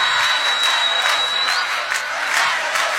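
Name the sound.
audience clapping hands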